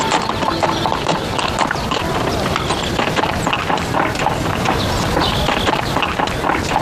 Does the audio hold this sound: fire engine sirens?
no